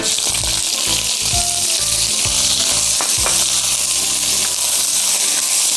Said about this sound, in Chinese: 开火热锅，用姜蹭锅底，防止粘锅，倒油。油热以后炒韭菜